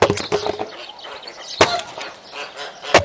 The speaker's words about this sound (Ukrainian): А я тобі казала пилку купити? Казала. А ти знову своєю сокирою до літа будеш ці дрова рубати.